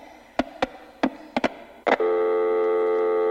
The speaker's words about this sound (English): We're having incredible telephone problems today. We have lost the caller from Edmonton.